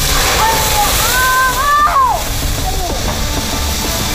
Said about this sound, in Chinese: 为了模拟大家这种时候慌张倒水的情况，这次消防员把整盆水都倒了进去，又实验了一次。